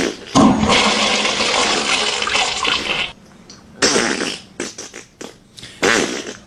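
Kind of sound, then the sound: household object, toilet flushing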